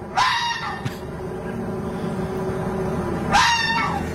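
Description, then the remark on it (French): A fox screams twice at night under a window, two harsh, raspy, high-pitched shrieks about three seconds apart, with a low steady hum filling the gap between them. “D'ailleurs, la nuit, il y a un renard qui vient gueuler sous ma fenêtre.”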